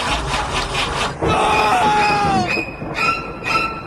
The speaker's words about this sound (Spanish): Hay algo más de terror que un auto que no enciende.